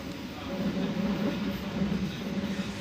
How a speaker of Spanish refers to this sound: El tren pasa por viñedos y huertos.